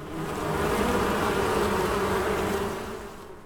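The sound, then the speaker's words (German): A dense, steady hum of thousands of western honeybees buzzing together at a university institute for evolutionary genetics, continuous, swelling slightly then easing off over a few seconds with no voices present. “An der Heine-Uni wimmelt es nicht nur von Studis, sondern auch von tausenden Bienen.”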